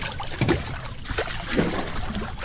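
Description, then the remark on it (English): Water sloshes and splashes in a warm hot tub as people make waves, with soft irregular swishes and gentle lapping over a steady watery background. No voices. “that's why we're in the hot tub”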